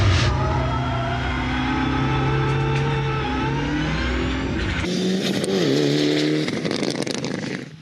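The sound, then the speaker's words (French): A car engine pulls hard and accelerates, its steady harmonic drone rising gradually, then a gear change shifts the tone midway before the revs climb again, loud with no talking. A car on a test drive on a circuit with curbs; its high-torque engine revs to at most 5500 to 6000 rpm. “Le moteur a beaucoup de couple, c'est assez incroyable. Et par contre, le moteur il prend pas beaucoup de régime, hein.”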